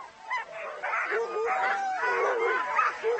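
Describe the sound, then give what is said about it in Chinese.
A pack of Alaskan husky racing sled dogs, a lean breed often crossed with German pointers, hounds and greyhounds, barks and yips excitedly at a sled dog race in the Yukon, many voices overlapping in a constant, noisy chorus that stays loud throughout. “而这些狗是专用于比赛的品种，没有多余的脂肪。它们被称为阿拉斯加哈士奇犬，经常与德国波因达猎犬、狩猎犬和灵缇杂交。”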